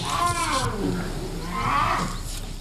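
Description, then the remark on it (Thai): Three bear cubs calling out in their den, about two metres inside a hut, two wavering, whiny cries, one at the start and another a moment later, over a low steady rumble. “ตอนนี้ลูกหมีของเรากำลังได้รับโอกาสเดียวกันกับที่แม่หมีจะมอบให้เพื่อมันเปิดรังและพวกมันไม่โยนลูกออกมามันปล่อยให้เลือกเองว่าจะออกมาสำเร็จหรือไม่”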